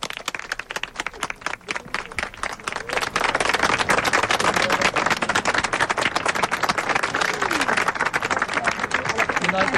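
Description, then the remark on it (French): A large crowd at UNESCO applauds without pause for the full ten seconds as the Pope and the Director-General walk on, a dense crackle of many hands clapping that swells fuller after the first few seconds and stays loud and steady. “Les applaudissements n'en finissent pas.”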